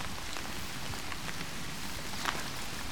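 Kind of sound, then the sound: nature, rain falling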